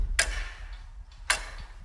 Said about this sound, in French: Rien que ce bruit. Alors il y a une horloge énorme, c'est juste le mécanisme je crois, hein, qui est là en face de nous